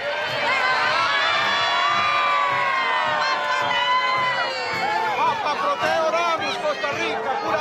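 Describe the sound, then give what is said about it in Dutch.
A large crowd on St. Peter's Square in Rome shouts and cheers continuously, greeting Pope Leo by calling out, many voices at once in a loud, sustained roar with high-pitched excited cries rising above the din, on a sunny day. “En u hoort de aanwezigen, de paus groeten al roepend.”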